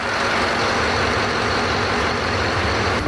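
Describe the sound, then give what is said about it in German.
The bow thruster motor aboard the ship Frisia 6 at sea, not the main engine but the one that pushes the bow to starboard or port, runs with a loud, steady, unbroken drone and a broad mechanical roar throughout, with no voices. “Dieser Motor ist gar nicht der große Motor, ne, sondern? Nein, das ist unser Bugstrahlrudermotor.”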